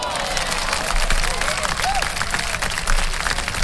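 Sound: applause sound effect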